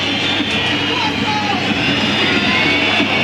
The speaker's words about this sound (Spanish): Los silbidos y los insultos para Racing.